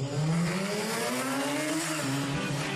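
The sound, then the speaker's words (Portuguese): A car engine revs hard and accelerates, its pitch climbing steadily in a loud roar with a brief tire squeal-like edge, no voices present. “Ligou, aprovou, acelerou.”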